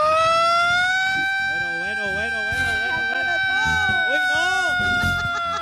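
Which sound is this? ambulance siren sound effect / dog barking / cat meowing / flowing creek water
ambulance siren sound effect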